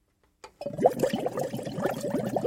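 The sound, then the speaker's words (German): Green water rushes and gurgles steadily through a closely monitored pipe system in the algae lab of Hochschule Anhalt, a continuous liquid flow with bubbling pulses that starts abruptly after a brief click and stays fairly loud, with no voices. “Im Algenlabor der Hochschule Anhalt rauscht grünes Wasser durch ein streng überwachtes Rohrsystem.”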